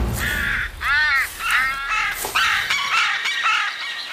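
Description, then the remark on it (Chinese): A carrion crow caws loudly, a rapid series of about seven harsh, rasping calls with barely a pause between them, as it keeps stealing large chunks of fish. No voices are present. “当这两位顶级猎食动物展开正面交锋时，关小嘴乌鸦却开启了突击模式，不断地偷食大块的鱼肉。”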